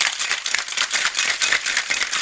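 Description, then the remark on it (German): A cocktail shaker being shaken hard, ice rattling in a quick, steady back-and-forth rhythm with bright, crunchy clatter throughout, no voices. “Ich besorge mir jetzt auch einen Cocktailmixer fürs Studio, dann klingt selbst Eiskaffee nach Urlaub.”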